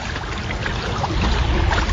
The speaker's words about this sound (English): Well, I've just parked here right by the yacht club here in Cambridge, right on the shores of the Choptank River, and the water is already lapping toward the top of the bulkheads here.